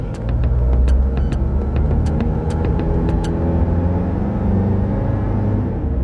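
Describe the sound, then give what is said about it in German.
A car engine rumbles low and steady as the driver engages first gear and drives off, with a few sharp mechanical clicks and ticks early on as the vehicle gets moving. No one speaks. “Dann hat er dieses Bündel ergriffen und kam dann sehr zügigen Schrittes zu uns ins Auto, hat sich reingesetzt, hat den ersten Gang eingelegt und weg.”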